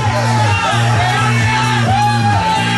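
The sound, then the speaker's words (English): A crowd of 36 people surrounding a game, Techno Ball, shouting and whooping loudly together without a break, lively voices overlapping above a steady low droning tone. “there's a crowd of 36 people surrounding the game.”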